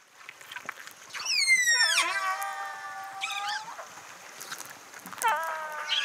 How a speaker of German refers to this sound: So sollte es klingen, Wale, die kommunizieren.